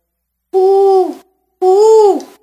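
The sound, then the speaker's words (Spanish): Two loud owl hoots from an owl sitting in a tree, each a smooth sustained tone lasting under a second, separated by a brief silence, with no other sounds around them. “¿Qué pasó? Le preguntó el búho.”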